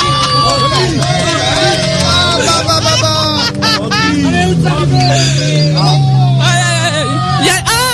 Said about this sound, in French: Il y a la voiture numéro 1 qui est arrivée. Oh là là, number one. Oh là là. Oh là là.